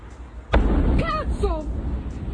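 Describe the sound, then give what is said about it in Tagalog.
A single loud explosion at an ammunition factory near Rome, Italy, reportedly starting in the factory's powder pressing department, booms suddenly and rolls into a deep, sustained rumble, while voices cry out briefly over the lingering roar. “Sa Italy, isang pagsabog ang nakuhanan sa isang ammunition factory sa Quayofero malapit sa siyudad ng Rome.”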